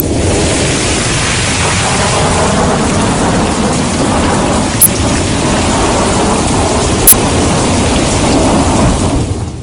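A thunderstorm of heavy, steady rain and rushing wind fills the scene with dense, loud noise, broken by two sharp cracks partway through. No voices.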